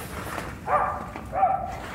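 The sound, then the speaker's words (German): A sniffer dog gives two short, tonal barks about half a second apart, moderately loud over a low, steady background hum. “Er wird weiter bellen.”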